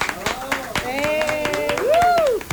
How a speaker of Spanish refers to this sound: Y, por supuesto, también quiero que la gente que está aquí en cabina le demos un muy fuerte aplauso a mi productora aquí al aire